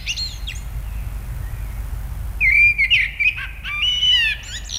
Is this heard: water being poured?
no